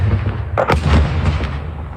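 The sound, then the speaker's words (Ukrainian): A deep explosion, either something being shot down or an incoming strike, in a Ukrainian settlement under Russian attack, booms out with a sharp burst partway through, followed by a heavy low rumble that rolls on steadily to the end. No one speaks. “Це звук, це щось збили чи прилетіло?”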